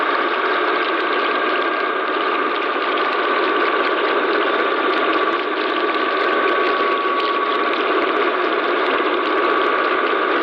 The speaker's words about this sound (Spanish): El sonido del fracking en alta mar.